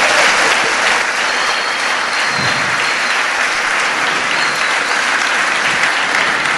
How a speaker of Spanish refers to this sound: Bueno, dar un fuerte aplauso al Señor Jesucristo.